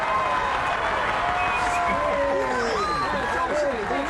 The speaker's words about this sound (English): On the way, my train pulled into the station in Portland, Oregon. There was a large crowd of people at the station.